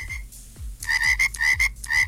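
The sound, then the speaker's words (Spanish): A frog croaks in a quick, steady series of about six loud, raspy calls, each a short bright rattle, over a soft repeating low thump. No one speaks. “Acá la Power Ranger pide una ranita, claro que sí.”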